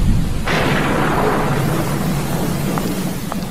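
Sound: rainstorm with thunder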